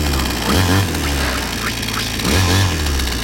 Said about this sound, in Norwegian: Motorsag.